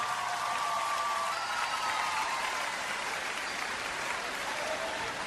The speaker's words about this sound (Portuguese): Uma salva de palmas, faz favor.